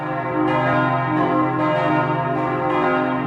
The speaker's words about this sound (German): Das glockenkundige Ohr hört, das Geläut hat Optimierungsbedarf. Die Klöppel werden gekürzt, es soll auch eine neue Glocke angeschafft werden.